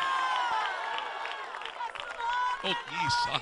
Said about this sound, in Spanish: dale fuerte ese aplauso al Señor en esta hora.